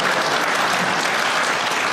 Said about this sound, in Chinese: 那个， 这儿给鼓鼓掌。 不用停。